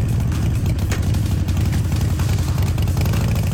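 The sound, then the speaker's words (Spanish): A Harley-Davidson motorcycle engine rumbles steadily, a deep, loud, throbbing idle that fills the whole stretch with no one speaking. “Puedes ganar cheques de hasta 1,000,000 de pesos, autos o una motocicleta Harley Davidson”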